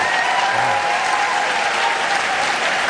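Steady, dense applause from a large studio audience of the show Wait Wait... Don't Tell Me fills the whole moment, loud, with a faint cheer or voice briefly rising within the clapping, after a caller from Brooklyn says she is a lawyer for kids at the Legal Aid Society.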